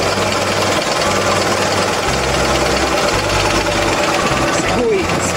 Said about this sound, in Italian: Questo regolato, questo registro del minimo sarebbe, automaticamente la macchina scende giù di giro. Se io aumento, quindi avvito, faccio lavorare il motore più, non esagerate perché è chiaro, più lo lasciate il minimo alto, più il consumo c'è